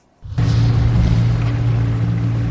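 A motorboat engine on the Dead Sea kicks in after a brief silence and holds a loud, steady low drone, with a broad wash of water and wind noise around it.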